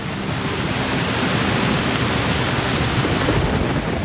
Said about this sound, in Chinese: 乌云不断在空中聚集。稀疏的雨滴很快变成了滂沱大雨。